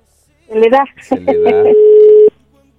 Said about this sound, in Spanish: A ver, ahí está. ¿Sonando? Sí, a ver si... Sonando, está el teléfono.